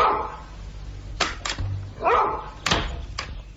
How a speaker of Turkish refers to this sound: İşte köpek. Karyolanın ayağına bağlı.